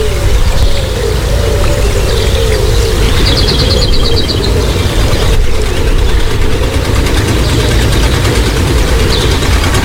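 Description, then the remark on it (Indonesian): A small klotok river motorboat engine idles in Banjarmasin as passengers board for a short river trip, a steady, loud low-pitched rumble that never lets up, with faint water sloshing mixed in throughout. “Cepat naik kelotoknya, kada usah takutan, santai aja.”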